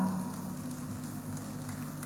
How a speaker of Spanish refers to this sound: Ahora también vamos a aplaudir, y esto es un esfuerzo mancomunado de los 5 municipios y de las 6 federaciones del Trópico de Cochabamba. Un fuerte aplauso para la Federación FUCU, la Federación Única de Centrales Unidas.